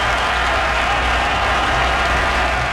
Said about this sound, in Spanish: Y nuevamente aplausos. Porque estamos rindiendo homenaje a los marinos y marineras, de todas las personas que contribuyen, pues obviamente, el desarrollo marítimo y la protección del país.